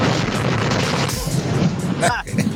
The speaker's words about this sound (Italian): E cosa hai fatto? È esploso? Che... gli è esploso il camion?